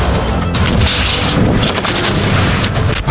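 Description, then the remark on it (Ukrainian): A loud artillery shot booms, its heavy rumble and crackling roar filling the whole moment before slowly settling. No one speaks. “Постріл!”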